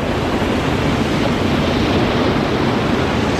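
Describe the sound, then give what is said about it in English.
Loud, steady roar of ocean surf washing onto a sunny beach, a dense continuous rush of breaking waves with a faint windy hiss and no voices. “She drops her shoes and steps toward the waves.”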